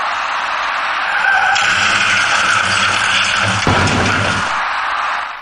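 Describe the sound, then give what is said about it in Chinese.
A silver car, heading south on the Second Ring Road side road south of Dongsishitiao Bridge, crashes with its left tyres riding up on a row of flower planters between the main and side roads, a loud, continuous harsh scraping and grinding roar with a sharper jolt of impact near the end before it cuts off; no one speaks. “事故发生之前，驾驶那辆银色小客的司机未能有效控制行驶方向，造成银色小客的左侧轮胎竟然骑上了主辅路之间的一排花箱，而后一路向南甩了出去。”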